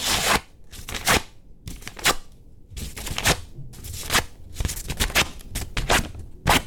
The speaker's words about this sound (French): On commence avec le papier crépon. Si on l'étire, on entend...